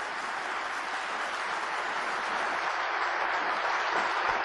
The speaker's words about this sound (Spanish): Dele un aplauso, Señor, por su palabra. Fuerte, con gozo.